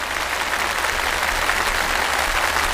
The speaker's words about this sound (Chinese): 我们也再次用最热烈的掌声向我们的传译人致敬